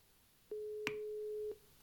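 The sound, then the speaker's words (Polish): A telephone ringing tone on an outgoing call placed from a phone with VoiceOver switched on: one steady, low-pitched beep lasting about a second, with a brief sharp click partway through, followed by quiet. “I dzwoni.”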